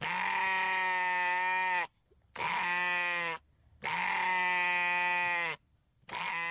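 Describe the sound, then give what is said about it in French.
A sheep bleats four times in a row, each call long and loud, with brief silent pauses between them and no voices. “Alors attends, je te le cherche, le petit mouton.”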